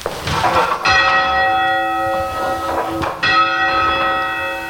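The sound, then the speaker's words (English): The lightest church bell, the number one bell, strikes twice, about two seconds apart, to signal the judges of a bell-ringing competition that the team's test piece is about to start; each stroke is bright and ringing with a long shimmering decay that fills the space between them. “And then the lightest bell, the number one bell, just rings twice to indicate to the judges that we're about to start our test piece.”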